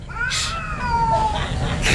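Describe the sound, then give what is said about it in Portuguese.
Cats fighting: drawn-out, wavering yowls rise and fall while sharp hissing spits burst in at the start and end, loud over a low rumbling background. “Bota a briga de gato aí, produção.”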